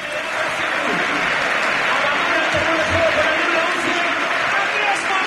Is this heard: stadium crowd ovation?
yes